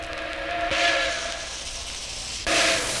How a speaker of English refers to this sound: The passing of a train.